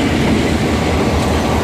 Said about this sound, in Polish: Spóźniony pociąg.